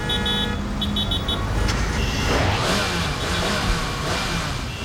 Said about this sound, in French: Je le reconnais, c'est son moteur qui rugit.